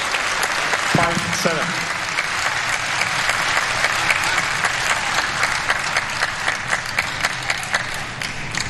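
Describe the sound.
A crowd applauds steadily for the whole stretch to cheer on the home pair, dense rapid clapping that stays loud and even, with a brief voice rising over it near the start.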